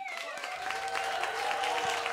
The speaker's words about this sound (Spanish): Un aplauso muy fuerte